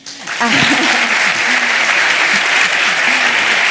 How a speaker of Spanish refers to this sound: Mega aplauso.